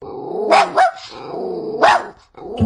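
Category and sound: animal, puppy barking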